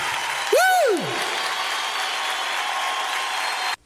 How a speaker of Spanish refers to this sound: aplauso fuerte, Jesús, esta noche. ¡Aleluya!